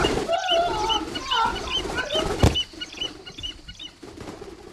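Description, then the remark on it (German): A trained bird of prey, its hood being taken off, gives a series of shrill, quavering cries in quick succession, then falls quiet after a brief thump, leaving soft rustling and low background noise. “Na, dann wollen wir dem Vogel mal die Haube abnehmen.”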